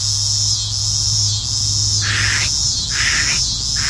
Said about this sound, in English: And there are some cicadas called lyric cicadas. They have the coolest names. One of my favorites is the scissor grinder cicada. It goes...